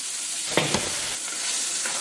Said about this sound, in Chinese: 高温炒制下，淡淡的米香也飘散出来。